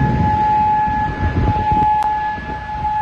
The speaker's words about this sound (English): Air raid sirens sounded.